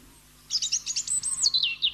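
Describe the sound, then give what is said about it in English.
Phalarope calls: a quick series of thin, high chirps and twittering notes in a rapid, slightly uneven run, clear, with no voices over them. “And thus we say, Happy Father's Day today to the phalaropes.”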